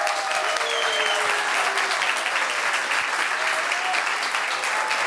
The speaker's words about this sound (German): Bitte begrüßen Sie mit mir mit einem großen Applaus den Atze Gründer, Geschäftsführer, Regisseur und künstlerischen Leiter Thomas Sutter.